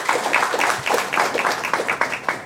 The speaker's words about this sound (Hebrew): יש לנו כאן שתי בנות נפלאות שהגיעו מהקריות, נכון? הגיעו מהקריות, כן, מחיאות כפיים היום, כן?